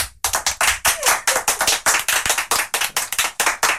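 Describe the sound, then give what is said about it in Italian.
A crowd, including people from Putignano, claps loudly and steadily for Radio Puglia in dense, rapid bursts that fill the space, with no voices standing out over the continuous applause. “Provate a immaginare quanti sono sulla base di questo applauso.”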